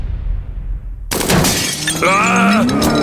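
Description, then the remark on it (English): A low rumble gives way to a sudden, loud crash of a house's glass window shattering, followed by bright tinkling and ringing shards that carry on for a couple of seconds, in a radio advert for JP Glass window and glass door repair. “My windows need replacing, and it's hasta la vista, baby, to my sliding door.”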